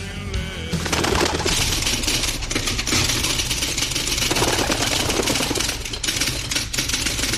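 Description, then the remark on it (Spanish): Carrier pigeons coo and warble on a home balcony over a dense, steady wash of background noise, the bird sounds continuous for several seconds with no one speaking. “Y este, vos sabés que me lo deja una paloma mensajera justo en el balcón de casa.”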